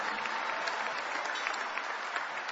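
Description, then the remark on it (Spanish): An audience claps in praise of the King of Kings and Lord of Lords, a steady, dense, continuous patter of many hands at an even loudness with no voices standing out. “Dale un mejor aplauso al Rey de Reyes y Señor de Señores.”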